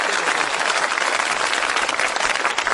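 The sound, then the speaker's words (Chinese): Steady, dense applause from a large audience after a comedy performer asks them for encouragement, a continuous crackle of many hands clapping at once, loud and sustained throughout with no voices on top. “您说像您这么没皮没脸的，跟观众直接要掌声，观众好意思不给你鼓吗？”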